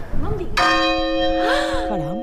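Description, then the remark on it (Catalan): The Caterina, a large medieval church bell from 1305 in the Micalet bell tower, is struck once, loud, its rich metallic tone ringing out and sustaining, with voices talking before the strike and over the long hum. “Acabem d'escoltar en directe la Caterina hacia el Micalet.”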